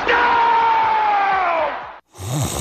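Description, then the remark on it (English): A football crowd roars in celebration of a touchdown, with a long, sustained shout riding above the loud cheering; the noise cuts out briefly near the end, then the roar picks up again. “Touchdown! Sound familiar?”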